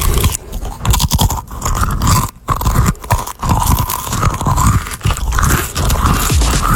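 Close, loud crunching and chewing of crisp crackers, with repeated bites and munching sounds continuing steadily throughout, no voices present.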